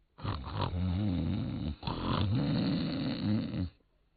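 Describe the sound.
A voice imitates the loud, rumbling snoring of someone asleep in a grove of trees in the middle of the night: two long, rattling snores with a brief gap between them, forceful, with no other speech.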